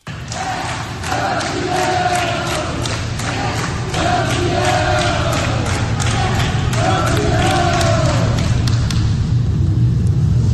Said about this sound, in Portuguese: Na saída, Parreira foi aplaudido pelos funcionários do hospital.